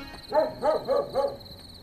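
Dogs bark in a quick run of four evenly spaced, moderately loud barks, with a steady high-pitched insect-like hum running underneath as night ambience.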